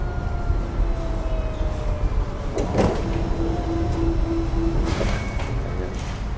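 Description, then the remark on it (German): A large high-tech scanner, nearly 2 metres tall, in a dim fifth-floor room, gives off a quiet, steady electronic hum with a faint tonal whine, broken twice by brief mechanical rustling bursts while a young woman scans a news magazine page by page. “Das Geräusch stammt von einem Scanner.”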